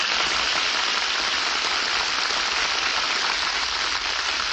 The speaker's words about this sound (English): Hear that applause? Oh, they loved you, Jane.